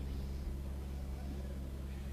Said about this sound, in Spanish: Escuchen esos motores, escuchen esos motores.